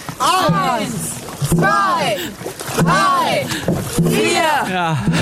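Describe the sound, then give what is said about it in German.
A boat crew paddles in a steady rhythm, with splashy strokes landing about once a second and loud voices of the whole boat counting out in time with each stroke. “Und das ganze Boot zählt mitpaddeln. Und es ist wirklich ordentlich Zug.”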